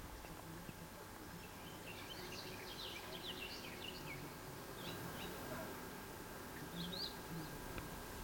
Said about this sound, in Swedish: Vad säger vi att det är? Trädgårdssångare? Ja, en trädgårdssångare var det som lät här förut. Ja, där är det inte helt fascinerande att de sjunger i mitten av juli? Att de orkar nu igen?